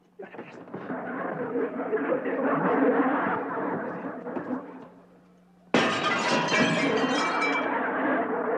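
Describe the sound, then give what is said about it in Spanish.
Window glass of a house shattering and clinking in a long, noisy crash as it is broken with a broom to open the window, then a second burst of breaking glass with bright tinkling shards, loud. “¿Por qué estás rompiendo los vidrios de mi casa?”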